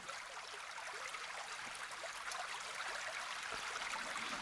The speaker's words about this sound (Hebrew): אז כמו שהבטחתי, נתחיל ככה מהטבע. בואו ניקח לנו כמה צלילים מעניינים. אולי איזה נחל, מים זורמים, ככה לזרימה.